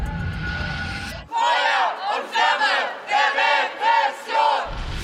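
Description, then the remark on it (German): A crowd of protesters at a spontaneous demonstration against police and the state, in front of a left-wing house project in Berlin during a police search, chants in unison, loud rhythmic shouted phrases repeating about five times with brief gaps between each burst. “Davor eine Spontandemo gegen Polizei und Staat.”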